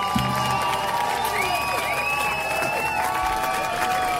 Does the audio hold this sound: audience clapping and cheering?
yes